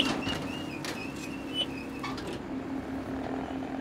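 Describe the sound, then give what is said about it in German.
A round baler's warning beeper sounds in short electronic tones over the steady rumble and rattle of farm machinery as automatic net wrapping of a straw bale begins, moderately loud with no one speaking. “Jetzt piept er, jetzt geht automatisch die Netzwicklung los, die sehe ich jetzt hier oben.”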